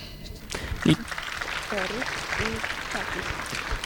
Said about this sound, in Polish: No i brawa.